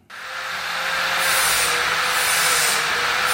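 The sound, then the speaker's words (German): In the afternoon, an employee grinds down stair railings before painting, in the entrance hall of metalwork firm Bruno Sponer in Bergen-Enkheim: a harsh, steady grinding hiss that kicks in abruptly and runs without pause, with a constant high whine from the tool and no voices. “Ein Mitarbeiter schleift in der Eingangshalle gerade Treppengeländer ab, bevor sie lackiert werden.”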